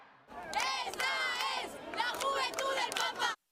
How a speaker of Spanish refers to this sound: Aplausos y ovaciones para recibir al Papa a su llegada a Barcelona.